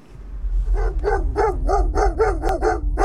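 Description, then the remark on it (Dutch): Inuit sled dogs, kept not as pets but as draught animals, bark and howl in a rapid, rhythmic series of about eight calls, loud over a low rumbling background. “De Inuit hebben honden. Niet als huisdier, maar als trekkracht.”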